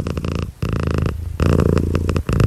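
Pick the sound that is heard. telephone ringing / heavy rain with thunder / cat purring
cat purring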